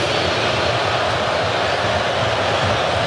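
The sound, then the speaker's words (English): A big stadium crowd at a U.S. soccer match lets out a loud, sustained roar reacting to ten minutes of stoppage time, a dense unbroken wash of thousands of voices with no single speaker standing out. “And you can hear how they feel about the 10 minutes.”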